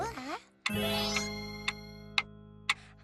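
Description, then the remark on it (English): A brief vocal sound gives way to a sustained ringing chime, with steady clock ticks clicking about twice per second over the lingering tone, clear. “Tick-tock, tick-tock. Oscar, what time is it?”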